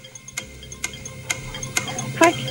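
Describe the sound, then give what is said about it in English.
A countdown clock ticks steadily, with sharp, evenly spaced clicks about every half second over a low background hum, building slightly toward a brighter chime-like tick at the end. It is a 40-second clock timing a round of a quiz game. “40 seconds on the clock, so you remember it.”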